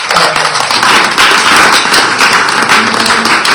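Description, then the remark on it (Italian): An audience breaks into steady, loud applause to welcome journalist Paola Severini as she is introduced, a dense crackle of many hands clapping at once that holds for several seconds without voices. “ma sono soprattutto degli amici, a cominciare da Paola Severini, che vi chiedo di accogliere con un applauso.”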